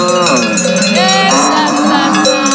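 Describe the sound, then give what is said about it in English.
A dense jangle of many cowbells on Swiss cows rings out at once at the beginning of a music track, their metallic tones overlapping and shifting in pitch, loud and unbroken throughout with no one speaking. “Oh, I forgot to mention there's a few cows at the beginning.”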